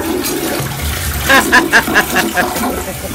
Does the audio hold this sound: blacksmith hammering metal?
no